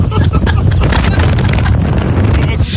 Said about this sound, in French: Alors, il y a du vent par contre